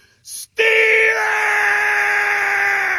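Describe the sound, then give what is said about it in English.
A man in a backyard lets out a loud, sustained yell of "Steelers!" holding steady for over two seconds, cheering a Steelers win with a Terrible Towel, right after a short, sharp burst of noise. He stays powerful to the end. “He's just so loud, yelling in the backyard with a terrible towel.”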